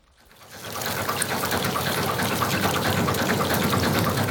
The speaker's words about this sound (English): Along the Upper Danube in Germany and Austria, the river is used to power hydroelectric plants. This is where the river is at its fastest as it tumbles through the mountains, and there are 59 dams on just the first 1,000 kilometres of the river.